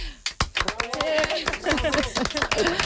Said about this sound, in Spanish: A ver, vamos a dar un aplauso que se note que no estamos solas, ¿no? Venga, a ver, una, dos y...